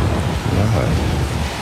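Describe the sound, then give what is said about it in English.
Steady, loud rain hiss from a thunderstorm at the end of a song, with a low rolling rumble underneath, continuous for the whole moment without any break. “I like how this song ends with the storm in the background.”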